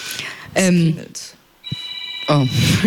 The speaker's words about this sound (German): Oh, ist nur ein Telefon hier im Raum, alles gut.